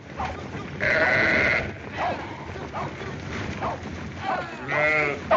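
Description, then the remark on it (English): Many sheep in a flock being herded bleat over one another, one long wavering bleat near the start and another near the end, over a steady low rumble of movement and background noise. “Come on, get them sheep moving.”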